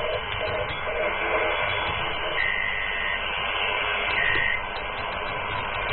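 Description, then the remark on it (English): A radio teletype transmission: a steady, dense stream of warbling data tones buzzing through hissy shortwave static, continuous and fairly loud for the whole stretch, with no voices. “Those are the RTTY, the radio teletype. So this is a transmission that is used to send information.”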